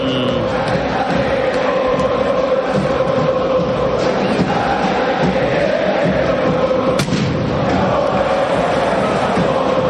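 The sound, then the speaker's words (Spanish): A huge stadium crowd roars continuously in a dense, loud wash of cheering and chanting, with scattered thuds and sharp bangs of fireworks cutting through, as fans welcome River onto the pitch amid white and red smoke while the players walk to the centre circle. “Escuchá el recibimiento al Millonario por Continental.”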